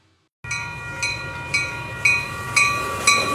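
A train rolls along the rails, a steady rumble and metallic whine broken by regular clacks of the wheels roughly twice a second. No one speaks.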